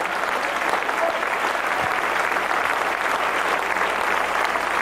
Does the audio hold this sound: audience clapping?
yes